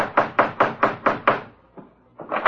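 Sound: knocking on a door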